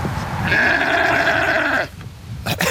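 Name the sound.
sheep bleating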